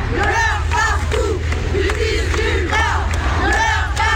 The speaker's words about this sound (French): Des centaines de manifestants présents malgré la pluie avec leurs slogans, leurs pancartes